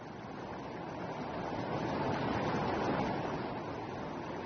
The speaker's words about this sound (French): Wilderness. Sous le désert, la cascade.